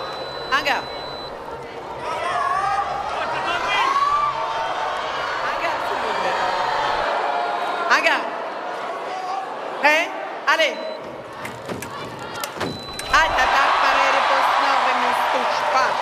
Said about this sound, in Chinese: 现在中国香港队每得一分啊，现场都是排山倒海般的欢呼声。